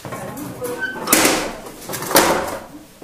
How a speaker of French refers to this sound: Hop. Je vais pouvoir fermer mes portes.